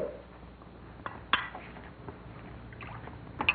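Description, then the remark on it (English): Champagne pours into a glass with a soft, steady liquid gurgle and fizz, broken by a few light clinks of glass. No one speaks. “Here's the champagne, Mr. Mansfield. Oh, yes. Thank you, Joe. Shall I pour, sir? Yes, would you please?”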